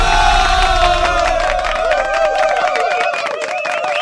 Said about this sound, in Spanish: Mucho aplauso, fíjate. Oye, me sentí yo en el auditorio, así que toda la gente aplaudiéndome y aplaudiéndome. Me sentí yo así como que en un gran recinto, dices.